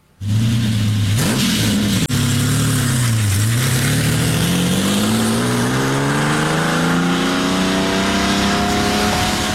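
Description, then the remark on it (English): A loud Lamborghini Countach LP400 sports car engine bursts to life and revs hard, dipping briefly before climbing in a long, steady rising roar with a throaty growl; no voices. “We got a clip, Shane, if you want to hear what the Countach sounds like.”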